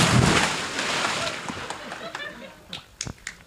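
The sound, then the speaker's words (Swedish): A loud, broad splash of someone jumping into 23-degree water bursts at the start, then fades into churning, sloshing water with a few sharp little slaps and drips near the end. “Men du får hålla i micken så hoppar jag i här nu då.”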